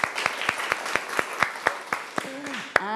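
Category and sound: crowd, students clapping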